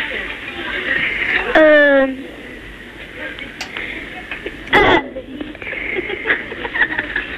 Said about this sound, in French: J'ai roté. Comment? J'ai roté. Tu as roté.